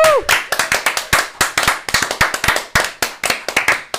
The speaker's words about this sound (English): So a big round of applause for us.